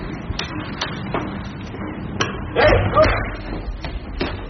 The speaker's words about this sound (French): Je crois qu'il s'est réveillé. Juste quand j'ai claqué la porte.